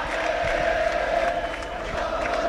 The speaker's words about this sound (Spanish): Esto es Valladolid y con más gritos de ale, ale.